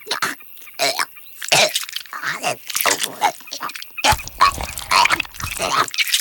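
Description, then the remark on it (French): A barn owl regurgitates a pellet: a run of rough, wet gagging and retching heaves in irregular bursts, with raspy, hissing breaths between them, fairly loud throughout. “Oh, c'est dégoûtant, la chouette vomit.”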